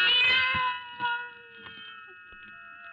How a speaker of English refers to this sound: Then the silence was broken by the faint crying of one cat. The crying grew louder and louder.